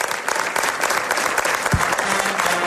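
A crowd applauds with loud, dense, steady clapping that fills nearly three seconds without letting up, a single low thump cutting through partway.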